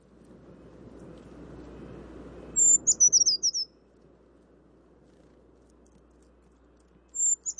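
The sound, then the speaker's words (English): High, thin, piercing calls of a brown creeper, from a small flock moving through, sound twice: a quick run of sharp notes early on, then a shorter burst near the end, over a faint rushing background like water or wind. “That is a brown creeper, which a little flock was moving through as I was gliding by.”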